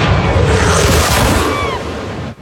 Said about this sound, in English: The Navy Blue Angels are under investigation this morning. This is all after an extremely low flyover during an event in Florida.